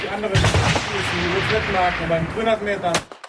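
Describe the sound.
Several sharp rifle shots crack out at irregular intervals, loud, over a steady background of voices talking, at a shooting range during a shooting festival in Chur.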